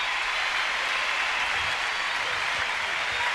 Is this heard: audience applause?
yes